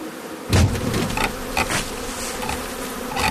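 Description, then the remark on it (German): A dense, continuous buzzing of many honeybees in a hanging swarm cluster, steady, with a few brief louder bursts and thumps over the drone; no one speaks. “Die Schwarmtraube sprüht man mit dem Zerstäuber von allen Seiten mit Wasser ein.”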